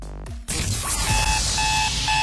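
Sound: alarm clock ringing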